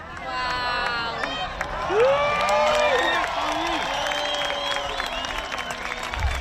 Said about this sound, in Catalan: També hi va haver ovacions espontànies, com aquesta a Cala Blanca, Menorca.